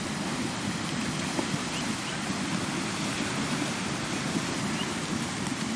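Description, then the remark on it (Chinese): A steady, continuous rush of cold river water as young foals, born in spring, cross the river with the water over their backs; loud, with a dense churning texture and faint splashes mixed in. No voices are heard. “冰冷的河水没过小马的背部，初次下水的他们还来不及适应，就得马上学会如何在河水中保持平衡。”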